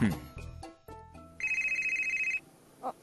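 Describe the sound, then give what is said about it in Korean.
A phone rings with a rapid, trilling electronic tone lasting about a second, following a brief stretch of voices and clatter, then a short vocal sound at the end. “스승님, 저 전화 좀 받을게요.”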